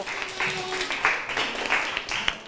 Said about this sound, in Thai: เอาละค่ะกลุ่มสุดท้ายของเราค่ะขอเสียงปรบมือให้กับกลุ่มที่5ของเรา